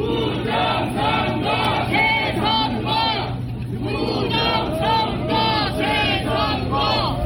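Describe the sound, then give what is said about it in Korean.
Hundreds of protesters alleging election fraud chant slogans in unison for hours in front of the handball stadium at Olympic Park, Songpa-gu, Seoul, loud rhythmic bursts of shouting separated by a brief pause, over a constant low hum. “몇 시간째 쉬지 않고 구호를 외치던 참가자들은 개표가 끝났더라도 부정선거의 증거인 투표함이 확인 없이 반출돼서는 안 된다고 목소리를 높였습니다.”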